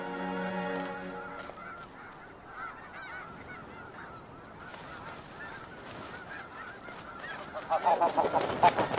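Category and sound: bird, geese honking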